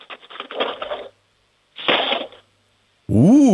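Two loud bursts of a handful of metal spoons, taken out of a cutlery drawer and dropped back in, clattering and rattling, the first longer than the second, followed by a short warbling tone.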